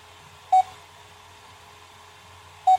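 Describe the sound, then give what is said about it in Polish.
A text-recognition device gives two short, clear electronic beeps about two seconds apart while processing a photographed image it struggles to recognise, signalling that it is still working; each a brief steady tone over a quiet background hum, with no one speaking. “Pika sobie pika, ma problemy z rozpoznaniem.”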